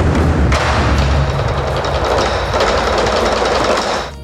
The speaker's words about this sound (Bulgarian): По време на композицията «Суан Тян» 8 големи китайски барабана звучат едновременно. Толкова мощен звук поставя на изпитание всяка концертна зала.